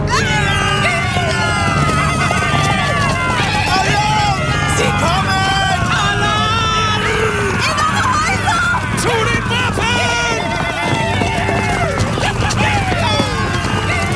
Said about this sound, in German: Comanchen stürmen mit Pferden in die Stadt und schießen ihre Pfeile ab.